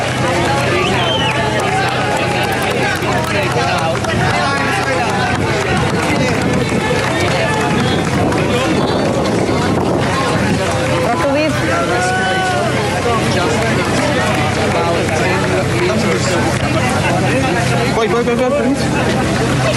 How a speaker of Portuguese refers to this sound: Vê-se a bandeira portuguesa, ouvem-se gritos, vamos ouvir.